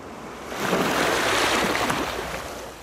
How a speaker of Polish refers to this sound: Niech was powieje tam, gdzie ocean i muzyka fal. Teraz.